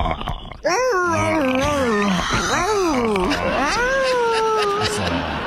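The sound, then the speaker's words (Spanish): A person imitates a dog whimpering in pain, making a loud string of drawn-out, wavering whines that rise and fall for several seconds with only brief breaths between. “antes te quiero morder el cuello y le haces así como perro, como que te duele, ¿ok?”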